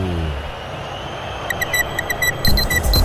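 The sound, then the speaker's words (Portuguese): The BandNews FM radio station's clock time-signal jingle, marking 40 minutes of the second half during a Corinthians vs Santos football broadcast from the Arena in Itaquera: a quick run of bright electronic beeps in a steady rhythm, growing fuller and louder near the end, over a constant background hum. “Vem, relógio da Band News FM, marca, você confere, 40 minutos, etapa final.”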